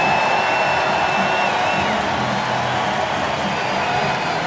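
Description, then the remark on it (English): A large baseball stadium crowd roars in a standing ovation for pitcher Jacob Mizorowski as his night ends, a steady, loud wash of cheering and applause that holds without pause, with scattered whoops and shouts rising above the sustained ovation. “A standing ovation for their superstar hurler, Jacob Mizorowski.”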